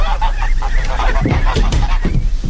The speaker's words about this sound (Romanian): Mi-a dat cineva gâștele astea să vi le aduc.